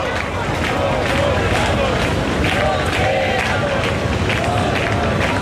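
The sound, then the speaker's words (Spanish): A dense protest crowd fills the Puerta del Sol with loud, continuous noise, many voices shouting and chanting "nos quedamos, no nos vamos" together in rising and falling waves, with a steady roar of babble underneath, as the repeal of a decree is approved. “La Puerta del Sol, de momento, el grito es, nos quedamos, no nos vamos, justo en el momento en el que se ha aprobado la derogación de ese primer decreto que decae desde este momento.”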